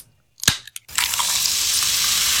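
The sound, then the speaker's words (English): A couple of sharp clinks as heart-shaped ice cubes from the fridge drop into a glass of Coke Zero on a barbecue day, followed by a steady, bright fizzing hiss that carries on to the end. No one speaks. “But on a barbecue day, I'll get the little heart-shaped ice cubes out of the... out of the fridge, and I'll do this.”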